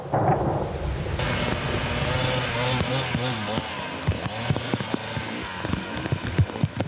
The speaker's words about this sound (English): It's just dumping rain and it's ice now. It's gonna be tricky.